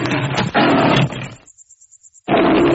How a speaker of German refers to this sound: Da kam plötzlich ein junger, starker Löwe, brüllend auf ihn zu.